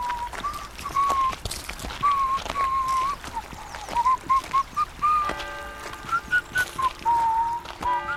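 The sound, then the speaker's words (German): A cheerful whistled tune drifts over a steady outdoor background, with what sounds like hoof clops or footsteps tapping along beneath it, as a dairyman with cheese wheels tied to his back walks down into the valley toward the market by the lake on a hot day. “Er hatte sich die Käseräder auf den Rücken gebunden und wanderte fröhlich pfeifend ins Tal hinab.”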